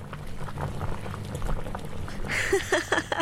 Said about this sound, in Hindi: अब गैस पर पानी उबलने की हल्की ध्वनि को सुनो।